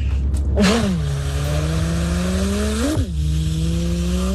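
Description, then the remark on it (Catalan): A person imitates a racing car engine with their voice, a sustained buzzing drone that rises in pitch twice like gear shifts, loud, with no other talking. “Aquesta és la història, que ens imiteu el so d'un cotxe de carreres”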